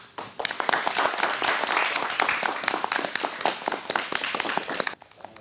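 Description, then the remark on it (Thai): A class of Mathayom 1 students claps for themselves after their performance in a dense, steady burst of applause lasting about five seconds, many sharp overlapping claps at an even level before stopping abruptly. “ก็วันนี้นะคะการแสดงของนักเรียนนะคะครูก็ขอชื่นชมขอปรบมือแล้วก็ให้นักเรียนปรบมือให้ตัวเองอีกครั้งหนึ่งค่ะ”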